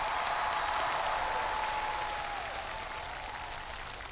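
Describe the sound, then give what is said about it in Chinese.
An audience claps in a steady, dense burst of applause welcoming the speaker's partner at Moke Xianfeng, loud at first and easing off slightly toward the end, with no one speaking over it. “今天我的搭档也来了，让我们用掌声欢迎他。”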